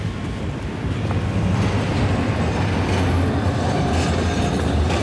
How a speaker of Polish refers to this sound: O, właśnie tam idziemy, gdzie ten tramwaj jedzie.